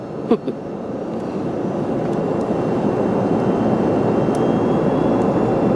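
A steady, dense roar of jet airplane engines heard aboard a passenger flight, even and unbroken like cabin noise in flight, with one brief knock near the start.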